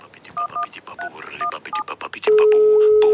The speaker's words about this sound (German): Hiermit verwirre ich seit Jahren meine Umgebung. Mit meinem Handy-Klingelton. Das ist ein moderner Jodler aus der Schweiz, der sich im Original so anhört.